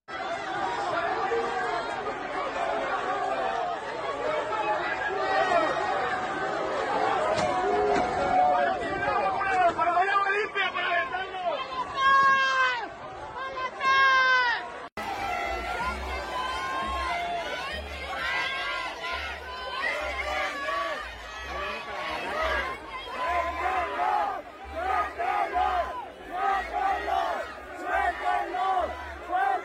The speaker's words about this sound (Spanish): vamos a escuchar parte de esta manifestación ayer allá en Guadalajara, Jalisco.